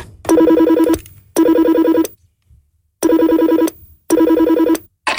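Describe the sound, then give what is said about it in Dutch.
An old telephone rings on an outgoing call in repeated double bursts, a loud harmonic trilling tone, with short silences between the pairs of rings and no one talking. “Je mag de telefoon, het is een oude telefoon. Je tikt het nummer van destijds in.”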